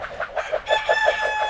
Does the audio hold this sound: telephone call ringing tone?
no